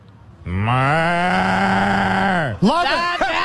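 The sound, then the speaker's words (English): A person imitates a cow with one long, loud moo that holds steady and then drops in pitch at the end, followed by a short burst of further vocal noise. “Can you use the moo?”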